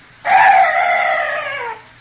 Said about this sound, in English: That's strange. That bird was the only noise I've heard in this place. No other night noises at all.